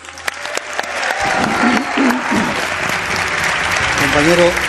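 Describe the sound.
An audience bursts into sustained applause for a guest being introduced, dense clapping that builds quickly and stays loud for several seconds, with a few voices calling out over it.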